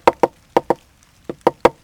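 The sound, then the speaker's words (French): Seven sharp, dry knocks imitating a woodpecker tapping on a dry tree: two quick pairs, a pause, then a run of three, fairly loud with no talking. “Puis le picata, le pivert, il cogne dans un arbre sec pour faire un trou pour trouver des fourmis.”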